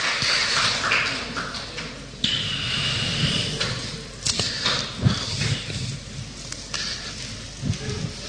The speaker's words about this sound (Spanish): Denle un fuerte aplauso al Rey de Reyes, el Señor de Señores.